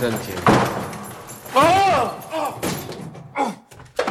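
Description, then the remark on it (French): A locked broom cupboard door is rattled and jolted in a few sharp, clattering bursts, with a voice sounding in between the thuds. “Ça, c'est une porte de placard. Tiens, il est fermé à clé.”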